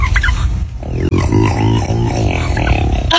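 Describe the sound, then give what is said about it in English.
A turkey from a TikTok video lets out a loud, throaty burp, a rough gurgling call with rippling harmonics that rolls on for about two seconds after a short noisy start, with no talking. “Oh my God, that's a turkey burp?”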